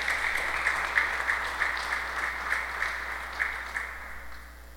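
Sustained applause from a crowd sending off a participant, a dense steady patter of many hands clapping with small surges, filling the whole stretch and fading slightly toward the end.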